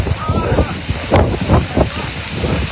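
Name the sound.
strong wind blowing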